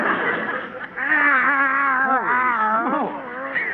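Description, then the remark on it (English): Skid Row tomcats in Los Angeles yowling: loud, drawn-out wailing cries that waver and bend up and down in pitch, running together for a few seconds with no talking. “These are Skid Row tomcats.”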